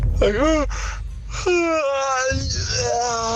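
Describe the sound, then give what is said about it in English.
A loud, exaggerated yawn: a breathy intake followed by long, drawn-out voiced groans that slide down in pitch, with no other talking. “What really gets on my goat is when people have an over-exaggeratedly loud yawn.”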